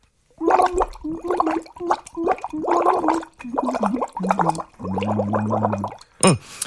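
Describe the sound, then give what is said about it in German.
Someone sings through a drinking straw into water, making a bubbling, gargly tone in about seven rhythmic bursts, the last one longer and lower in pitch, ending with a brief squeak. “Ich kann dabei sogar in den Strohhalm reinsingen.”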